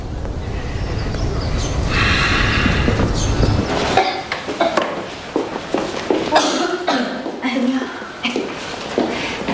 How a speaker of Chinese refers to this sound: 着凉有点咳嗽，让你担心了，吃点药就好了。